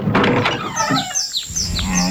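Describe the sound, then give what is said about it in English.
A cow moos in low, drawn-out calls at the start and again near the end, while small birds chirp in quick, bright bursts overhead, with no one talking. “Real country till the cows come home.”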